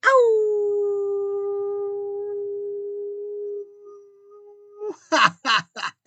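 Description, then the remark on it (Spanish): One long, loud howl starts high, slides down and holds a steady tone for about four seconds, then fades, followed by a few short, breathy bursts. “Entonces, pues yo comienzo con enviarles otro gran aullido.”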